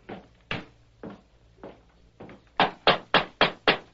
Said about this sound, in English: The masked man and the Indian dismounted and knocked on the door.